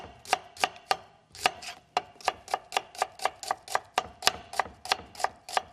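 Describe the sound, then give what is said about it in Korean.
A knife chops steadily on a cutting board, about twenty crisp, sharp knocks in a quick, even rhythm with one brief pause early on, as carrots and onions are sliced thinly for a Korean chive pancake (buchujeon). No one speaks. “그리고 여기다가 당근과 양파도 얇게 썰어가지고 예. 한번 넣어보도록 하겠습니다.”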